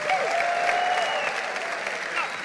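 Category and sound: crowd, audience applauding loudly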